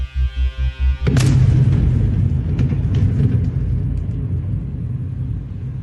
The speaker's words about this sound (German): Das Explosionsgeräusch stammt von einem Video, das wenig später auf Telegram gepostet wird.